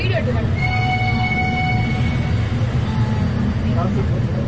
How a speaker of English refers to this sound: As our train leaves Kunur, it chugs past signboards for bakeries and homemade chocolates. Children stuck at a level crossing wave to us because there's nothing like an old-fashioned locomotive.